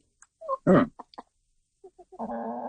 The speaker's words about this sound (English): The Canadian chickens are fainter because I think they're further away from the laptop. The British one is the louder one.